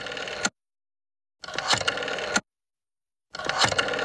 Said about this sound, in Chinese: 说着，齐长鹏就抓起电话，进了几个电话号码。